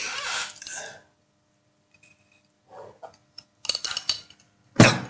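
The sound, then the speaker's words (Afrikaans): A short breathy rustle, then a pause and a few soft slurping sips of water, followed by light clinks and taps of the glass being handled and set down with a sharper knock at the end. “Een slikkie water.”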